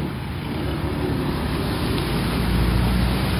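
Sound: heavy rain falling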